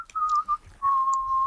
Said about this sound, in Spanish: Vaya, ya lo que nos faltaba, o sea, un concursante que no hablase, simplemente silba. Somos inclusivos. ¿Pero quién está silbando?